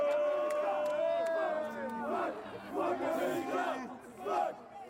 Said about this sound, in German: Trotzdem in Minute 31 der Ausgleich durch einen abgefälschten Freistoß von Malik Tillmann. Unter den belgischen Fans macht sich hörbarer Unmut breit.